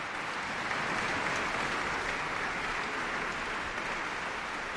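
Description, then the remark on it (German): A concert audience in the Sala Teatro in Lugano breaks into applause after Alban Berg's Violin Concerto, played by violinist Veronika Eberle with the Orchestra della Svizzera Italiana under Lorenzo Viotti: a dense, even wash of clapping from many hands that stays loud and unbroken throughout, with no voices standing out. “Erst einmal ist es ganz still in der Sala Teatro in Lugano und dann bricht laut der Applaus los.”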